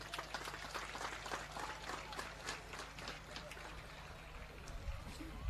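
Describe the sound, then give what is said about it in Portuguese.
Steady, dense clapping from a large crowd fills the whole stretch, a continuous crackling wash with murmured voices mixed in underneath, as athletes at a sports event applaud their referees and coaches. “Queridos atletas, salva de palmas aos nossos árbitros e aos nossos treinadores.”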